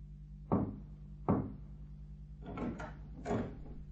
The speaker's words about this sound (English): Footsteps. Someone's coming to the front door.